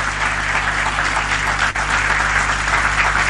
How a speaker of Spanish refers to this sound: Dele fuerte un aplauso al Señor.